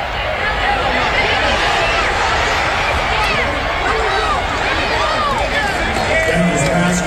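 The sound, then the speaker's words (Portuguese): A huge American football stadium crowd at a Green Bay Packers versus Tampa Bay game roars continuously, a dense wall of cheering and shouting voices that stays loud and steady throughout, with scattered whistles and yells rising out of the din. “Olha que legal esse frisson da torcida. Vocês acabaram de entrar junto comigo dentro de um estádio de futebol americano.”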